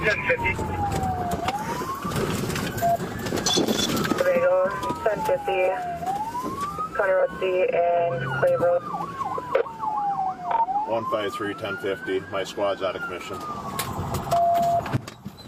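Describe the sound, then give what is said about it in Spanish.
Police sirens wail loudly, their pitch sweeping up and down in long repeated cycles, layered over rumbling traffic noise and indistinct voices, during a police chase in Wisconsin after authorities tried to stop a stolen pickup truck. “En Wisconsin, sí, ahí en Wisconsin, una persecución policial quedó captada en video después de que autoridades intentaron detener una camioneta robada.”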